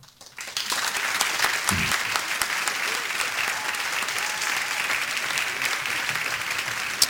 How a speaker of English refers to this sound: Here on Ignite Radio. And can we get a couple of applauses for our friends?